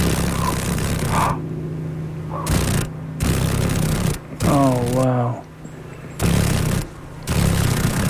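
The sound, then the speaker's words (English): A caught female paddle-tailed darner dragonfly, a mosaic darner, vibrates its wings in rapid, rattling bursts, a loud low buzz that starts and stops several times with brief pauses between. “Oh, can you hear the vibration? Those wings are vibrating pretty rapidly.”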